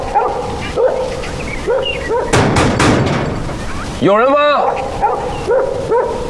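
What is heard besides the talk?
dog barking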